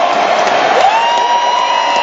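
A large crowd cheers loudly and steadily, a dense roar of many voices with whoops and a rising shout near the middle, sustained without a break.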